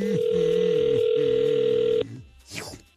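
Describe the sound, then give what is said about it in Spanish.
A steady, loud telephone dialing tone hums for about two seconds as a call is placed, then cuts off abruptly, followed by a brief rising-and-falling electronic chirp. Faint voices murmur underneath the tone. “Entonces, márcale, por favor.”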